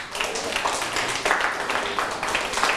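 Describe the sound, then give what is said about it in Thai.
Steady applause given to everyone in a class of students, many hands clapping in a dense, crackling wash that holds at an even, fairly loud level for a few seconds with no voices. “ปรบมือให้ทุกคนเลยเก่งมาก”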